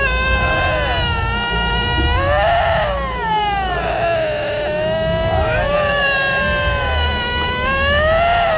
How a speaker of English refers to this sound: Well, what is it? Canadian lynx? Oh. It's a lynx. What? Oh, my God. Damn, it sounded like Disney's Haunted Mansion.